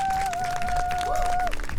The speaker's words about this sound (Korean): 저희 앞서 공연을 보여준 … 이 자리 한번 모셔보도록 하겠습니다. 큰 박수 주시면 감사하겠습니다.